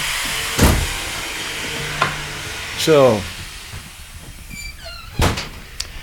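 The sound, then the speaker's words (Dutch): Willem de Ridder, cigar in hand, opens the front door of a legendary building: a sharp latch clunk, a short creaking hinge, then a few more knocks and clicks over a steady background hiss, with one brief spoken word. “Kijk, de deur wordt voor ons geopend door Willem.”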